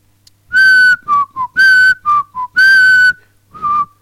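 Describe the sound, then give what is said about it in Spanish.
Someone softly whistles a short, jaunty tune of about eight notes, mixing longer held tones with quick short ones and brief pauses, clear with no talking. “Casi como silbando bajito.”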